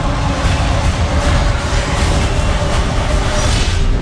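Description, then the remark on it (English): A loud, steady rumble of a train rolling along the rails, with a constant low roar and a faint whining hum running through it for the whole stretch. “What do we expect out of our morning commute? A train that arrives on time and a smooth journey from start to finish.”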